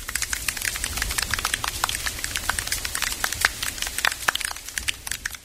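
Gentle rain patters steadily, a dense scatter of small, irregular taps and crackles at moderate volume, with no voices over it.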